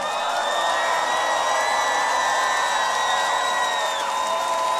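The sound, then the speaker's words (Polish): A large festival audience applauds and cheers in a dense, steady roar lasting the whole time, with sustained high-pitched whistling tones riding over the crowd noise. “Wielkie brawa.”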